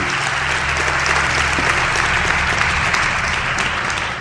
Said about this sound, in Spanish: si queréis aplaudir, aplaudir, que ibais a aplaudir. No sé, pedí un aplauso.